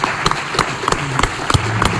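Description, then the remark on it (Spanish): An audience at a Radio Marca tribute claps with steady, crisp, moderately loud strikes that pulse in a loose rhythm, suggesting a small crowd rather than a roaring ovation. No one speaks. “Fuerte aplauso.”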